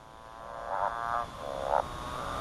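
A male motorbike frog gives a mating call three times in quick succession, each note a buzzy, revving drone like a distant engine, clear over a steady background hum.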